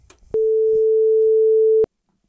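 A single steady telephone ringing tone sounds for about a second and a half, loud and clear, with a faint click at its start and end and a soft rumble just before, as a Hitmix radio host calls a contest participant.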